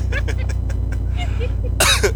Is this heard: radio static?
no